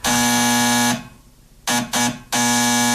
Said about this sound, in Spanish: ¿Alguien me puede averiguar quién está tocando timbre?